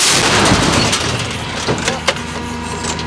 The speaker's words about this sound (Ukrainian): Але після кількох пострілів командир гармати кричить складатися та ховатися.